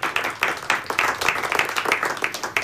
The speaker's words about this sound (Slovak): Dobrý podvečer. Áno, môže znieť potlesk, potešíme sa.